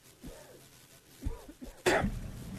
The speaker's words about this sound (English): You're coughing up a lung over here.